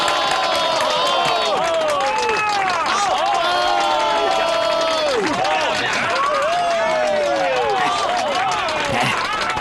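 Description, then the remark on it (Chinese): A large audience in a shop cheers and shouts loudly and steadily as a mysterious zither player is introduced, many overlapping voices rising and falling in whoops, with a rough layer of clapping running underneath the whole time. “你听到刚才的掌声了吗？”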